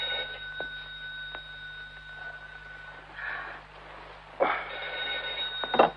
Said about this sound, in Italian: rispondi al telefono